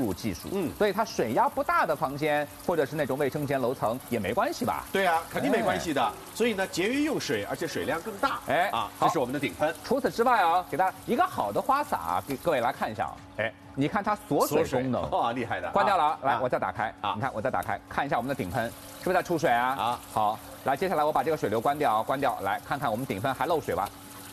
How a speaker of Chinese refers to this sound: 长度32公分，宽度22公分， 对， 有160多个字节针的硅胶头，它不但能起到顺畅出水，而且它能自己带清洁功能。每一个水流，你看它很细腻， 是 吧？